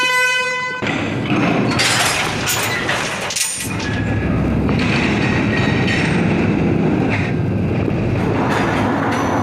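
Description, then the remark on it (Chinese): A mine man-car carrying workers down into a tungsten mine of the Zhonghua Tungsten Mine company rumbles and rattles steadily along rails, a loud continuous clatter of wheels on track with metallic squeals, with no talking over it. “这个声音就像我们火车的这个轨道一样的声音，咯噔咯噔。”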